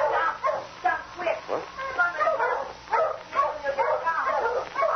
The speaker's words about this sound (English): But, Sergeant Preston, my dog's out there on that piece of ice.